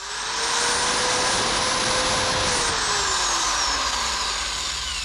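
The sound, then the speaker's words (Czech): An electric drill runs continuously with a loud, buzzing motor whine that holds a steady pitch, then gradually winds down lower toward the end. No voices are heard. “3, 2, 1, vrtačka.”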